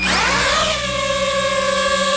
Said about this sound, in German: Ja, Drohne, eine kleine, eine, wo man aus der Luft filmen kann, wo man fotografieren kann. Das Geräusch, das ist ein bisschen mühsam und auch die Drohne selber, die kann mühsam sein.